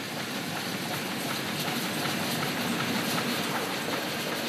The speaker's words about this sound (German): Der Dampfsonderzug der Ulmer Eisenbahnfreunde bringt im Sommer alle vier Wochen Ausflügler und Dampffreunde ins Murgtal. Von Mai bis Oktober, jeden ersten Sonntag im Monat.